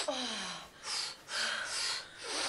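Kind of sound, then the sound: human body sound, heavy panting breaths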